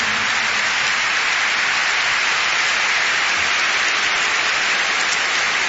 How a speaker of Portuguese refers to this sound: eu gostava de vos apresentar aqui um senhor que me acompanhou neste disco …, nos únicos dois fados tradicionais que eu tenho, e que é o professor …, para quem eu peço uma grande salva de palmas, que é o meu convidado desta noite.